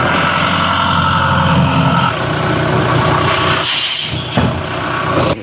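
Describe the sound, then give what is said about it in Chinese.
A tow truck's heavy engine rumbles loudly and steadily as it hauls away a long-abandoned car with a dead battery and flat tyres from a public parking space, a continuous mechanical drone with a brief hissing burst partway through, and no voices. “由于车辆长期没有启动，也没有管理，车辆电源已经打不着火，干瘪的轮胎也没法挪动， 现场由拖车先行脱离，再进行后续处理。”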